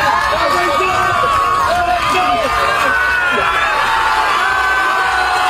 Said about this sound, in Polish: Meta znajdowała się na plaży w Dziwnowie. Tam przywitały go tłumy.